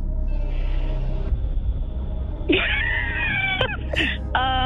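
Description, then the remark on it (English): A voice imitating an angry armadillo with a strained, wavering, cat-like yowl that rises and falls over a low rumble, breaks off briefly, then ends in a short, sharp cry. “What sound does an angry armadillo make?”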